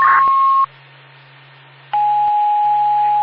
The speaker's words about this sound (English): 10-40 with the alarm system. I'm unable to reset or shut up the alarm. Attempt to make contact with the homeowner.